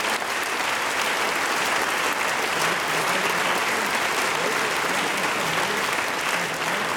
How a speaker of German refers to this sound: Vielen Dank und viel Applaus heute Abend. Dankeschön.